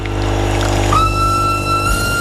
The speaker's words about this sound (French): Ouais, il est peut-être un peu fort ce sifflet de train. Mais... ça réveille. Voilà, on aura réveillé les derniers qui sont debout.